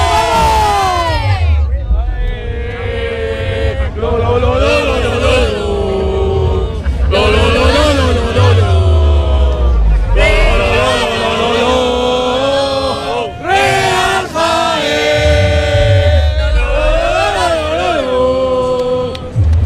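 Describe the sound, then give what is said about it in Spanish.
A loud crowd of Real Jaén football supporters chants a cheer of encouragement together into a radio microphone, in sustained, rhythmic bursts, voices rising and falling in unison with shouts and cheers between phrases, over a low rumbling background. “Pues ahí está la afición del Real Jaén”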